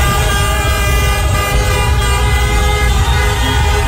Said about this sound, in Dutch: Een groot feest weer in Rotterdam, waar Kaapverdianen vierden dat ze weer een WK-punt hebben gepakt na eerder gelijkspel tegen Spanje, nu 2-2 tegen Uruguay. Dus getoeter in Rotterdam.